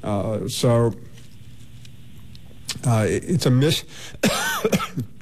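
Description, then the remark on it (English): Someone clears their throat and coughs in three separate bouts, each a short rough burst with brief quiet pauses between, and no clear speech. “Take care of that cough.”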